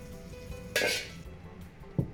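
A half-second burst of loud sizzling hiss as pork intestines and wrinkled peppers are stir-fried quickly in rapeseed oil in a wok over high heat, then a short metallic clank of a pan or utensil near the end. No one speaks.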